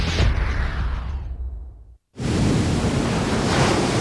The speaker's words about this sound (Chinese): 今天风这么大，船开不了了，在家休息吧。